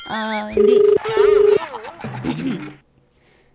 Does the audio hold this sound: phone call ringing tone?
yes